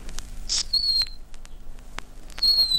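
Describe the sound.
A bird-call whistle imitates a nightingale, blown to lure nightingales: two short, high, piercing phrases with a brief pause between them, along with a few sharp clicks and no talking.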